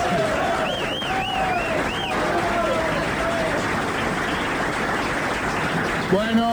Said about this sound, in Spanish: Bueno, no aplauden tan largo, me voy a chupar hasta que terminen de aplaudir.